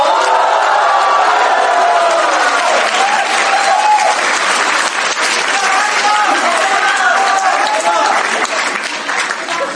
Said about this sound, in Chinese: 请您欣赏相声大保镖，表演者曹云金、刘云天，掌声有请。